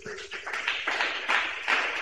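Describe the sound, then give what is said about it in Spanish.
An audience at the Pentecostal church La Cosecha applauds for Christ Jesus, a dense, steady wash of many hands clapping with rhythmic surges, fairly loud and sustained throughout, with no voices standing out. “Aplausos para Cristo Jesús.”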